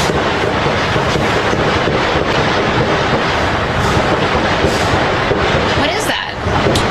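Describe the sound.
Rapid, loud gunfire from Secret Service agents shooting a man who brought a handgun to the front gate of the White House, about 30 shots in total, crackles in a dense, continuous barrage of sharp repeated shots for several seconds, with voices faintly mixed into the roar and a brief lull near the end.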